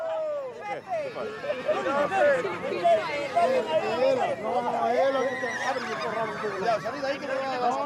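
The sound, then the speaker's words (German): Horses whinny and neigh repeatedly while getting a stressful mane clipping, amid a busy background of overlapping voices and crowd chatter, with occasional hoof clops; fairly loud, continuous throughout. “Für die Pferde ist der Haarschnitt stressig, aber da müssen sie durch.”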